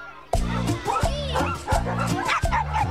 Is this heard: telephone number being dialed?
no